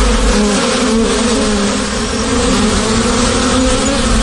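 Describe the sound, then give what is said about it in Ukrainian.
A steady, dense hum of many honeybees buzzing around the hives of an apiary with over fifty colonies. It is continuous and fairly loud throughout with no talking, a thick drone that swells slightly in the middle. “А кожна загибла сім'я – це мінус десятки тисяч бджіл.”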